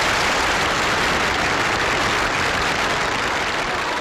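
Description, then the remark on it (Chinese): Sustained, enthusiastic applause from a large crowd at a China Democratic League congress, after the announcement that the League accepts the leadership of the Communist Party of China, a dense wash of clapping that stays steady and loud throughout with no voices standing out. “台下一片热烈的掌声。”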